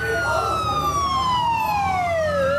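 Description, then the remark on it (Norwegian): Ambulance sirens wail through a street in Lebanon after pager explosions on 17 September 2024, the tone sliding slowly downward in a long sweep, loud over a steady rumble of traffic, with a faint murmur of voices underneath. “Ambulanser ulte gjennom gaten, nesten 2000 ble skadd og 12 drept.”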